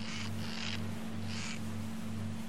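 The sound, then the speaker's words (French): Three high, scratchy squeaks of shoes (ankle boots) in an uneven stepping rhythm as someone approaches a haystack, the middle one drawn out, over a steady low hum. No one speaks. “C'est des chaussures qui grincent, elles viennent par ici.”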